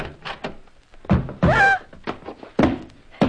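A closet door being opened: several dull wooden thunks and rattles, a short squealing creak rising in pitch midway, then a couple more solid knocks, with no talking.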